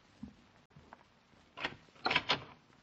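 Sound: door being opened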